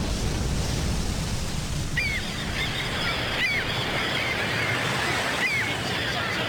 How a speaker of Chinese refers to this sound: 这是大海军港。